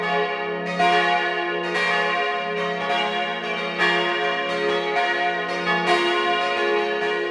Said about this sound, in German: Es ist 12 Uhr. Sie hören die Glocken der Kirche zum heiligen Johannes dem Täufer im Klösterle in Vorarlberg.